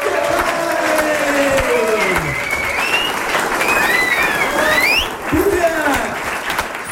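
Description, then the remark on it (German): Sustained applause from a large audience for the whole team fills the whole stretch, dense and steady, with scattered whistles and cheers rising above the clapping and voices murmuring underneath. “Lieben Dank an den Arbeitskreis Bierberg und einen herzlichen Applaus fürs gesamte Team.”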